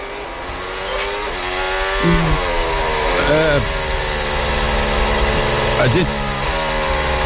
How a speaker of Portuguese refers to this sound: Vamos ver como é que vai ser essa parte da pista molhada. Continua o safety car rodando e os carros atrás ainda. E uma ponta da pista está bem molhado ainda e o spray sobe, mas na outra parte está seca.